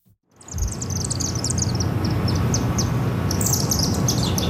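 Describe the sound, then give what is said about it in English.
Many chimney swifts, about 30 or 40, chirp and chitter overhead at a chimney in Chinatown at 9 o'clock at night, a dense, continuous chorus of rapid high-pitched twittering over a low rumble of city noise. “That iconic chirping, chittering noise.”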